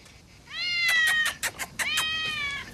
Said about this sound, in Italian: Ehi, bello, micio. Vieni qua, vieni.